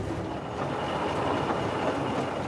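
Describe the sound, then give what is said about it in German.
The steam locomotive Edward Thomas running, prone to trouble with the water feed into its steam output, giving off a steady, dense rushing and hissing roar with a low rumble underneath, holding an even loudness throughout, with no voices. “Die Lok ist anfällig, was die Wasserzufuhr in die Dampfabgabe angeht.”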